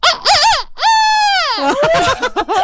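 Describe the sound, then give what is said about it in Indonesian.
A person imitates a chicken with a series of high, warbling clucks, then a long drawn-out crowing note that bends downward, followed by quicker choppy cackles. “Aku. Ayam. Kalau suara hewan tuh bubes ya enggak?”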